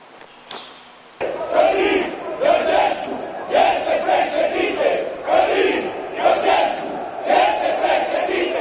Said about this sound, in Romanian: Asta au strigat în Piața Victoriei cei pe care fermierii i-au acuzat că au deturnat protestul lor.